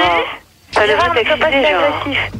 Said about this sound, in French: Alors celui qui a la radio derrière, il arrête.